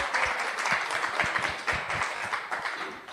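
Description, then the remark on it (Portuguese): The audience of the live Rádio MEC program Roda de Choro applauds a bass player steadily, dense overlapping claps forming a continuous patter with a few sharper individual hand claps standing out, at an even moderate loudness throughout. “Salve de palmas para ela.”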